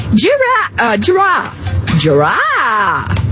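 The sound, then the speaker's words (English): A person's voice imitates a giraffe with a few loud, drawn-out groaning calls that swoop up and down in pitch, separated by brief breaths. “Do the giraffe. Giraffe, really? Okay.”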